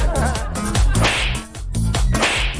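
Three sharp whip cracks, a radio sound effect aimed at drivers who cut across traffic, snap out in quick succession, each a loud, bright lash with a swishing tail, layered over a low, booming background with no talking.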